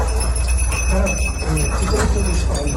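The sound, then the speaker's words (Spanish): Small bells on search-and-rescue dogs tinkle and jingle irregularly as the dogs search rubble for survivors in La Guaira, Venezuela, over a steady, noisy background with a low rumble, while faint voices murmur underneath. “Son las campanillas de los perros que rastrean entre escombros para hallar supervivientes.”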